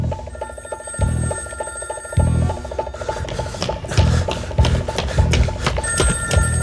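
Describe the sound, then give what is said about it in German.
A telephone rings in repeated bursts with a rapid, rattling bell tone, loud, with no one speaking over it, in the BBC radio thriller Gefahr für London by Edgar Durbridge. “Beim nächsten Klingeln hätte ich aufgelegt.”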